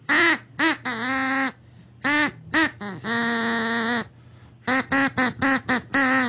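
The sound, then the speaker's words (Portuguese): A duck quacks out a song melody for a listener to guess the song, loud, mixing short sharp quacks with long drawn-out ones whose pitch rises and falls in a melodic rhythm, with no talking. “Pato, mais uma vez. Viu? Eu falei que o pato ia te ajudar, mano.”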